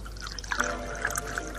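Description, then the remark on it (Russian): Water pours briefly into a glass, a gurgling trickle with small bright splashes lasting just over a second, with no voices. “Дайте воды.”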